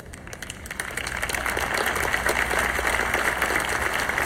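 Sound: applause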